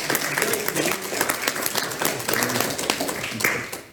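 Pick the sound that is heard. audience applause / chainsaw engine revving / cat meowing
audience applause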